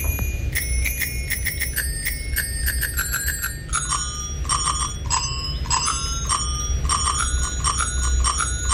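A bicycle bell is rung to play a well-known song for a quiz, with quick repeated dings at varying pitches forming a recognizable melody, clear over a low steady rumble.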